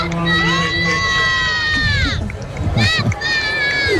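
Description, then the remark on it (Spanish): A large crowd chants and cheers loudly as the Pope arrives in the Popemobile, voices rising and falling together in sustained, melodic calls with bursts of shouting throughout. “No sé si escucháis los cánticos de la gente.”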